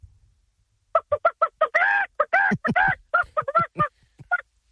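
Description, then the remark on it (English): A man imitates a chicken call at the Nova State Fair, with rapid short clucks broken by a few longer, drawn-out squawks, loud with no other sounds around it. “Have you ever called a chicken before?”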